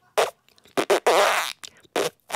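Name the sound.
voice imitating a fart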